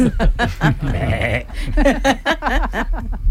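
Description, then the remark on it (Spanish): A goat bleats again and again in loud, wavering cries, the quavering calls running together in a quick series that fills the whole moment with no other sound. “¿Y la cabra lo bien que lo ha hecho?”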